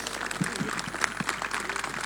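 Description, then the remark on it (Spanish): A crowd applauds to welcome people into their community, with steady, dense clapping that fills the short stretch, a sustained wash of many hands at moderate loudness with no pauses. “Así que bienvenidos con este fuerte aplauso de otra forma, ¿sí?”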